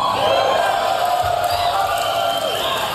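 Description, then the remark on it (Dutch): A large audience at the Tesla Semi electric truck launch event, where Elon Musk presented the truck on stage, cheers and whoops loudly and continuously, a dense roar of many voices with shouts rising above it, filling the whole stretch without pause. “Ja, je hoort, het publiek gleed van zijn stoel af.”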